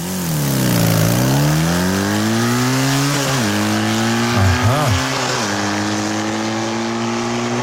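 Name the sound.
motocross bike engine revving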